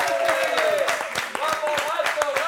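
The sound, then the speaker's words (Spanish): An audience claps steadily for a pianist at the keyboard, with dense, overlapping hand claps, while a voice talks or calls out on top of the applause. “quiero un fuerte aplauso para este gran pianista, al teclado.”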